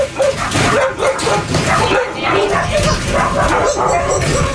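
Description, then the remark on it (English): Several dogs bark and yip excitedly at once at a foster home-based animal rescue in a small house in West Tampa, a loud, dense overlapping chorus of sharp barks and higher yelps that continues throughout, with a faint voice mixed in underneath. “… is tending to the dogs at the Merciful Project, a foster home-based animal rescue”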